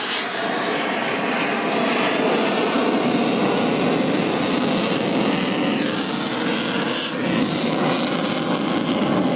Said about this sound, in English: He's using fly-by-wire technology to keep it safe. The nose is 25 degrees higher than the aircraft's direction of travel, known as the angle of attack. The plane slowly making its way, flares coming off the bottom of the plane as we see.